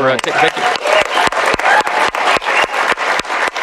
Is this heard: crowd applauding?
yes